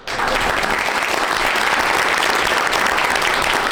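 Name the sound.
applause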